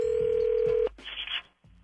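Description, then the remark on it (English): A steady telephone dial tone hums for just under a second, then cuts off into a short, noisy burst of line sounds as a call is dialed. No one speaks. “Time for another phone check.”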